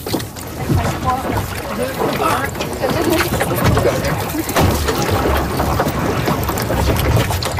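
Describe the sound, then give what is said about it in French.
A boat moving on water: steady sloshing and splashing against the hull with gusty wind noise throughout, fairly loud, with muffled indistinct voices in the background. “Est-ce qu'on monte dans le bateau?”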